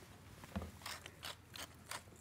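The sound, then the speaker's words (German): A pepper mill grinds in a steady series of short, gritty crunching twists, about five turns in a row, fairly quiet with no talking, adding pepper to a cooking liquid seasoned with white wine vinegar, salt and sugar. “Etwas Pfeffer.”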